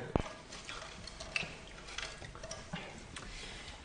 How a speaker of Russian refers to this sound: Полковник, хватит вам мусолить руки мылом.